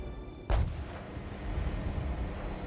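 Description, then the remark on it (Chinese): A sudden, sharp artillery boom bursts out, then a heavy low rumble rolls on steadily as guns fire continuously, near and far, around the city of Fuzhou, whose streets have gone quiet. No one speaks. “此时远远近近的炮火声连绵不绝，往日喧嚣的街道反而清静了许多。”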